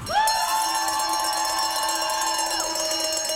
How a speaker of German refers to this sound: Kurz danach betritt ein Schweizer Turner die Fläche. Kuhglocken untermalen das Jubeln, bevor er anfängt.